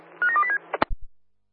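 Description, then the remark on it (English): A rapid run of about five touch-tone dialing beeps, mid-pitched and steady, followed by a sharp click and a couple of low thumps before it falls silent. No one speaks. “If you need to, you can call back. We'll be dialing.”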